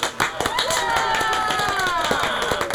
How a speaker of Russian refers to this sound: А мы получили прообраз современных аплодисментов.